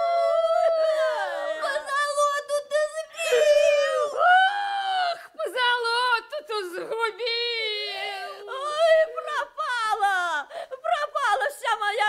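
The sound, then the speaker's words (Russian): Three women, a queen, an old woman and a daughter, sitting on the floor wail and howl together in long, wavering, high-pitched cries that rise and fall almost without pause, loud, with no words. “Вот они все трое сидят на полу, царица, бабка да дочка, и воют.”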